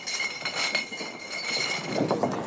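Beer glasses clink and ring against each other as a few thousand glasses are stacked away in a beer tent at the Wiesn, a steady scatter of bright chinks over a low background clatter, with no one talking.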